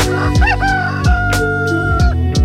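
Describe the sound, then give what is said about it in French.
A rooster crows loudly, its drawn-out call ringing over a bouncy musical backing with steady, evenly spaced beats. No one speaks. “Mais attendez, un coq ?”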